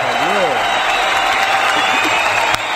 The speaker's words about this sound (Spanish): fuerte el aplauso.